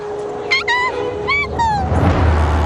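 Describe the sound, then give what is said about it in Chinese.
Dholes (wild dogs) give a quick series of high, whining yips and short howls that slide downward in pitch, followed by a low, rough growling rumble. “有豺狼，熊猫妈妈受伤了，肯定跑不掉的。”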